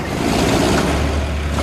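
The engine of a 7-tonne tractor with a 190-horsepower motor runs steadily and loudly, a continuous low diesel rumble with a gritty mechanical roar that holds an even level throughout, with no voices.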